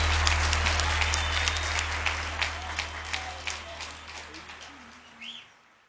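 Sustained crowd applause, dense rapid clapping spread across the whole clip with a steady low hum underneath, gradually tapering off before a brief birdlike whistle at the end.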